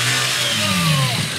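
The engine of a camera crew's vehicle passes as it weaves through a group of cyclists on a shopping street, a steady mid-pitched drone whose tone rises and then slides downward as it goes, loud throughout with no one speaking.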